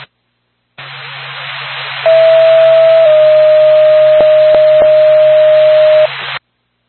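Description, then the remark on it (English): A steady, piercing ambulance dispatch alert tone, received on a phone, holds for about four seconds over loud hissing radio static, with a few sharp clicks breaking in near the end. “I got the ambulance to my phone.”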